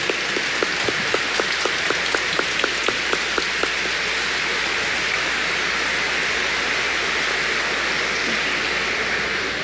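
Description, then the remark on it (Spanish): An audience at a Mass in the Diocese of La Vega applauds its new bishop of La Vega with sustained, dense clapping that holds steady for about ten seconds. A few sharper individual claps stand out at the start, and no one speaks. “Nuevamente el aplauso para nuestro obispo de La Vega.”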